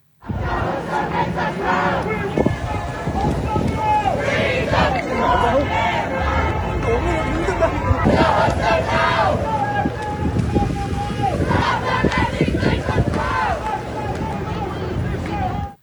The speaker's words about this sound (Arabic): رفع نشطاء علما فلسطينيا ضخما على جسر البرج أو تاور بريدج إلى جانب لافتات تطالب بالإفراج عن الدكتور حسام أبو صفية، بينما أشعل المشاركون ألعاب نارية حمراء ورددوا هتافات داعمة لفلسطين ومطالبة بالإفراج عنه من سجون الاحتلال الإسرائيلي.